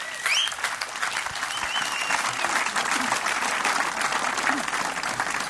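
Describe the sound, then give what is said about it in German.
A festival crowd claps steadily throughout for the festival organizers. A dense, sustained wash of applause with a few brief whistles near the start and no speech over it. “Ein Applaus für euch.”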